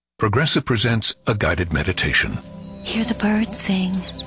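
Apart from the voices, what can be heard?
birds singing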